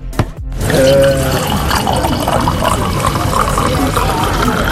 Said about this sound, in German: Das Einschenken des Weines ist für mich ein ganz klarer Ton des Schengelmarktes, weil Schengelmarkt heißt Gesellschaft, Geselligkeit und da gehört Wein einfach mit dazu.